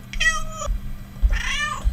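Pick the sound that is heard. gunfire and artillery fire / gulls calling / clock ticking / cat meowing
cat meowing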